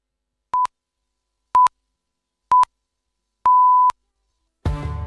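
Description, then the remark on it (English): Four clear, steady electronic beeps sound alone, three short evenly spaced pips followed by a longer final tone: the national emergency alarm at 2 o'clock before the radio news. Then a fuller sound begins. “sorry, I have to come in here because we're coming up to the 2 o'clock news and that national emergency alarm at 2.”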